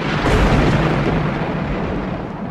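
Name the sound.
thunder clap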